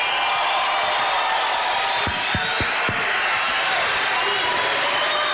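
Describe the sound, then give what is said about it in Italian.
An audience applauds itself in a dense, steady wash of clapping that holds its loudness throughout, with a few low thuds breaking through around the middle. “e fatemi un applauso da soli.”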